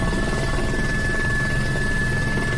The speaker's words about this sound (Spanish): Y este es el sonido desde el interior de uno de los helicópteros que trabaja en la extinción del incendio de la Bisbal, un incendio que ha quemado ya más de 1.280 hectáreas y que mantiene confinados a varios municipios.